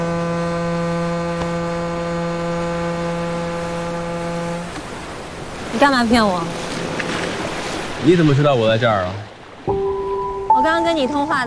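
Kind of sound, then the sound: vehicle, ship horn blowing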